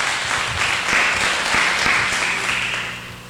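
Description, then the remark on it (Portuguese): An audience at a Bible service claps hands together for Jesus in a dense, steady wash of joyful applause, many overlapping claps blending into a bright, sustained crackle that holds loud throughout and eases slightly at the end. “Bate palma de vitória para Jesus. Bem alegre as palmas.”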